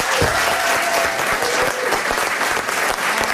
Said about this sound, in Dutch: Vandaar onze staande ovatie voor Tine Hens.